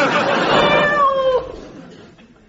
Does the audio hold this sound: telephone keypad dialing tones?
no